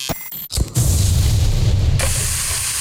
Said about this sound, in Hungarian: Hallod? Ez a hang, amikor a jó hús találkozik a forró grillel. Szaftos angusz, olvadó sajt, friss buci.